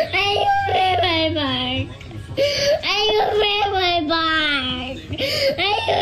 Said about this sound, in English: Is that a tipsy person? Or is that a toddler? Toddler.